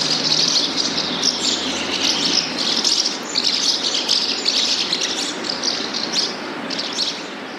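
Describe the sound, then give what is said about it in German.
House martins twitter in a continuous, busy chorus of high chirps, several birds calling over each other with a steady background hum and no voices. “Oder vielleicht, das jetzt aber ganz ohne Mehl, die Mehlschwalben.”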